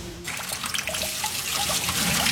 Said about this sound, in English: Oi! Why is that tap running? Those dishes aren't going anywhere. We each need to use 28 litres less water every single day. So turn off that tap and use a washing up bowl instead.